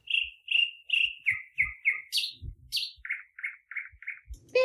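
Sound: birds chirping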